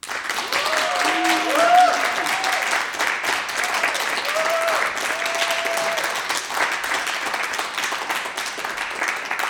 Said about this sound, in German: Und das heißt, es wird heute Abend auch Applaus geben. Und ich schlage vor, wir probieren das mal aus, so auch als Begrüßung für alle, die uns zuhören und auch natürlich für die Bands.